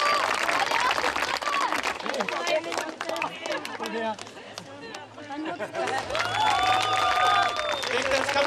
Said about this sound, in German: ausgelassene Stimmung und viel Applaus bei der Siegerehrung. Ganz klasse!